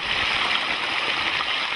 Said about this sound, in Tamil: இப்பதான் தண்ணி ஓட்டமா ஓடுது.